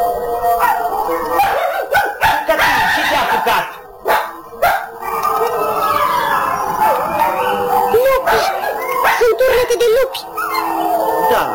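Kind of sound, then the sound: animal, animal howling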